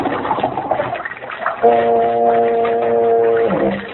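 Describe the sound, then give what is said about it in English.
A boat motor drones steadily, then shuts off with a brief dropping whine. Watery rumble and murmur sit in the background. “I'm going to turn off the motor again.”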